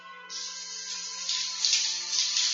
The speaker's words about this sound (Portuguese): Eu vou mostrar para você, ó. Eu vou ligar essa torneira, eu vou virar essa torneira. Preste atenção.